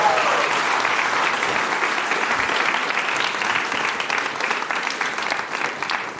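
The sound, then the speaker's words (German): A large audience claps steadily for several seconds, a dense, even wash of applause that stays loud throughout and tapers only slightly at the end. “Riesen Applaus.”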